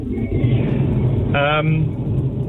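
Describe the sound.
Steady low road rumble inside a moving car fills the whole stretch, with a brief voice-like tone rising over it partway through.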